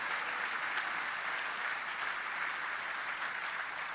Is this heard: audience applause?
yes